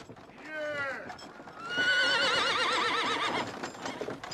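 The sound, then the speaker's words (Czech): Mares pulling a wagon loaded with grain sacks along a bad road, their driver stroking their backs with a whip, whinny in two wavering, high-pitched calls, a shorter one first and then a long, loud one, while faint hooves clop underneath. “Někdo se sem hrncá po té strašné cestě a poněvadž se kobylkám podlamujou nohy, hladí je po hřbetech bičem.”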